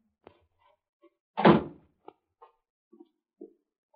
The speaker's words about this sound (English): That's the cellar door.